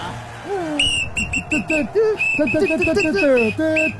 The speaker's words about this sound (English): I reckon it's a whistle.